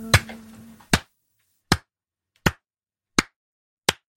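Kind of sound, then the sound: crowd, slow hand clapping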